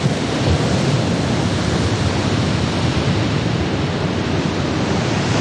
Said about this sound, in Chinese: 一望无际的大海上掀起狂风巨浪